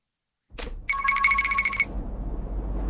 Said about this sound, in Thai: ฮะเบอร์แปลกโทรมาอีกแล้ว